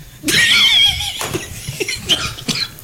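A man coughs in a studio: first a long, strained, high-pitched wheezing gasp, then several short, harsh cough bursts spaced unevenly over the next couple of seconds.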